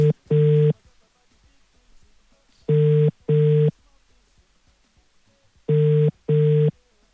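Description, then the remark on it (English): A telephone ringback tone purrs in three double bursts, two short rings, a pause, then repeating about every three seconds, clear and steady with only faint background hiss between. “Yeah, okay, the phone, the ring.”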